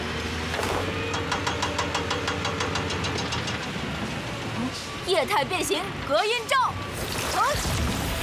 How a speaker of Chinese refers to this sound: 你们施工的噪音太大，影响到附近的居民们休息了。